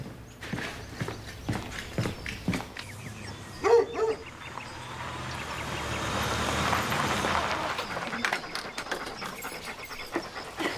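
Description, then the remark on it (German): A dog pants steadily, letting out a single short bark partway through, with footsteps and scuffing sounds around it and no one speaking. “Komm, Hund.”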